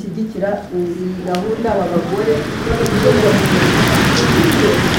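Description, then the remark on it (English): Steady rain drums on the roof of a hall at a retreat in a dense, continuous patter, with scattered sharper drops. A muffled voice murmurs over it at first, and the downpour stays fairly loud throughout. “For most of the week, it's been bright and sunny, but on the final day, the rain is drumming on the hall roof as I sit in the retreat room, surrounded by the women's coloured scarves and notebooks.”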